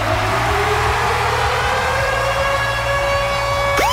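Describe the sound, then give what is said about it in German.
The Virgin Radio Ticket-Alarm jingle, built on a loud wailing siren: a steady, harmonic-rich tone glides slowly upward, over a pulsing low rumble, then a quick rising sweep enters at the end. No one speaks. “Und zwar immer dann, wenn ihr unseren Virgin Radio Ticket-Alarm hört.”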